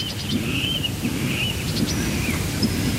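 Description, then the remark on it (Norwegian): Faint, scattered birdsong at night by Lake Tåken in Östergötland, Sweden, picked up by a microphone for Swedish P1's Fågelsångsnatten broadcast on a light May night: thin high chirps and brief trills over a heavy, steady low rumble like wind or lapping water. No one speaks. “Nu börjar i alla fall Fågelsångsnatten. Så här låter det just nu i en av våra mikrofoner här vid Tåken i Östergötland.”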